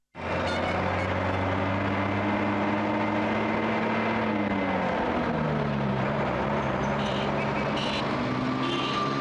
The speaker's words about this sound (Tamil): வாசல்ல கார் சத்தம் மாதிரி கேக்குது.